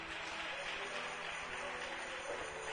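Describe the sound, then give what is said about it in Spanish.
An audience claps steadily together, giving a loud round of applause to the Lord, a dense, continuous wash of applause at an even level throughout, with no one speaking over it. “¿Cuántos pueden darle un fuerte aplauso al Señor?”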